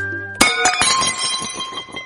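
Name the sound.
glass clinking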